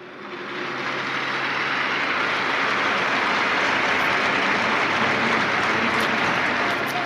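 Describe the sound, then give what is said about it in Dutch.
A large crowd applauds after the words of Pope Leo XIV, a dense, steady roar of clapping that swells up in the first second and then holds loud and unbroken to the end, with no voices standing out. “En daarna volgde ook natuurlijk een applaus van de mensen die op deze wijze hem wilden steunen.”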